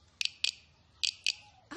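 A guiro is played by scraping a stick over its ridges in short, raspy bursts: two quick pairs of crisp, high-pitched rattles with a pause between, sounding much like a cricket's chirp.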